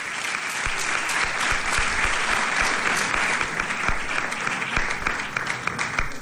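Sustained, loud applause from a crowd at an awards ceremony in Ayamonte on the Día de los Santos Ángeles Custodios, greeting the first honoree called up, a dense wash of clapping that holds steady for about six seconds without any talking over it.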